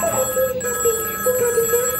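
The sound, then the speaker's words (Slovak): A telephone rings continuously with a bright, warbling electronic tone, steady and fairly loud, with no voices over it. “Nemám dvíhať telefóny, počuješ?”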